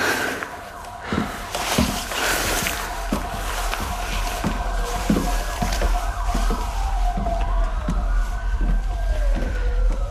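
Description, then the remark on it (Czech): Wailing ambulance sirens sweep up and down in pitch, rising and falling over steady low traffic rumble, staying fairly loud throughout as the vehicles pass. “To nejsou policajti, to jsou sanitky.”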